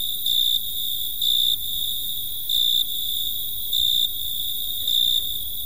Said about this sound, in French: Les grillons mâles frottaient l'une contre l'autre leurs ailes, et de la terre montaient les plus enivrantes mélodies.